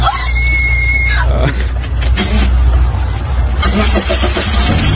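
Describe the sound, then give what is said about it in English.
The engine of an old, 20-year-old car cranks with a high whine, then catches and settles into a loud, rough, rumbling idle. “Can I start it just to see?”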